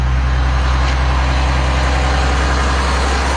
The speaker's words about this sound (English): The final move of six belugas to the U.S. happened late yesterday afternoon. Marineland whistleblower Phil Damaris watched as the convoy of transport trucks rolled out.